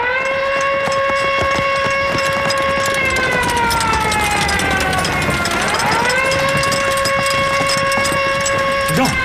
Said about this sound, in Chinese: 啊！警报！警卫排全体集合，进城抓特务。